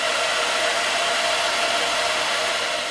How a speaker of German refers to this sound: So, die Rundbürste hier muss ich noch kurz drin lassen, bis die Haare abgekühlt sind. Aber ich kann ja schon mal die nächste Strähne mit der zweiten Bürste aufwickeln. So, bisschen trocken föhnen noch und kalt werden lassen.